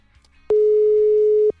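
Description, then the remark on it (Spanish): A single steady ringback tone of an unanswered WhatsApp call sounds for about a second, loud and clear, with only faint background noise before and after it. “Vamos a marcarle. No nos contesta por WhatsApp.”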